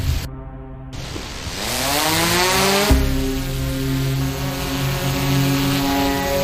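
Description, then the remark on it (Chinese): A police drone's propellers spin up with a rising buzzing whine, then settle into a steady, loud whir as the drone lifts off at night beside the Yangtze River near Jingzhou, China. No voices. “报告，目前无人机高度200米，画面聚焦9.8倍。”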